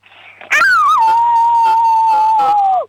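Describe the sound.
A six-year-old girl from Vorarlberg, Austria, imitates a wolf howl on request: one long, loud, high-pitched note that rises briefly, holds steady for about two seconds, then falls away at the end.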